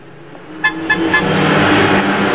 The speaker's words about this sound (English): He doesn't even pause to look at the pink convertible that's just passed him